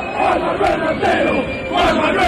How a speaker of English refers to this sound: The chant quickly spread through the stadium. The lost wallet returned to its owner, thanks to the creativity and solidarity of Argentinian supporters.